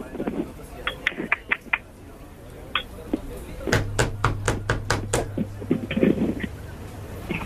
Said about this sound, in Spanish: ¿Quién toca la puerta?